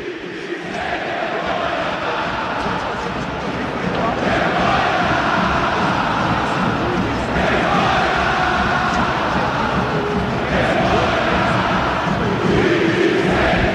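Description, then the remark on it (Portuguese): A large crowd at the Maracanã stadium boos and jeers the team loudly and continuously as it leaves the pitch, with coach Zubeldia also jeered; a dense, steady roar of many voices that swells in waves without letting up, with no single speaker standing out. “Setor leste, setor oeste, setor sul, vaias novamente na saída do time.”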